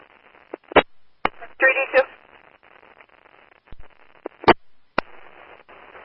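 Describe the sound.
A crackly, narrowband vestibule intercom phone line with several sharp clicks and pops. A brief muffled, distorted voice comes through amid the static hiss.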